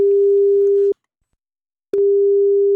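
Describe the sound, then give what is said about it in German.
A telephone ringback tone on an outgoing call: a steady, clear electronic tone, cut by about a second of silence, then sounding again. Loud, with no voices. “Und er hat dann angerufen.”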